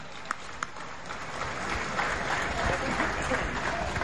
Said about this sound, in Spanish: 5 casitas, don Arturo. Un aplauso.